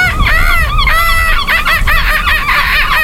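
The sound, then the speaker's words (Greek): A person imitates a seagull with repeated high, wavering squawks and cries, loud, in quick succession over about three seconds. “Μπορεί να κάνεις και το γλάρο.”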